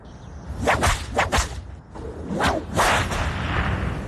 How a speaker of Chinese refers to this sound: 金銮殿外又是鸣鞭三下